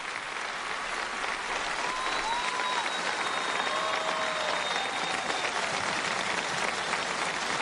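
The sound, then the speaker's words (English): A crowd applauds steadily during Pope Leo's visit to the diocese, a dense wash of clapping that holds an even level throughout, with faint tonal whistles or cheers drifting above it, as Pope Leo listens. “And the smile there on Pope Leo's face as he listens to the applause.”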